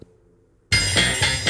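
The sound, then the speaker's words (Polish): After a brief near-silent pause, a ringtone from the phone's built-in library, previewed in the ringtone settings, bursts in loudly and abruptly, a bright, busy electronic melody with no one speaking over it. “Ale to są chyba dzwonki z biblioteki telefonu”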